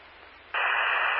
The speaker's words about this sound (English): All static and readable.